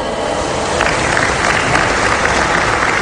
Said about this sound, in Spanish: Solicitamos respetuosamente a nuestros invitados especiales se pongan de pie para recibirlos con un fuerte aplauso.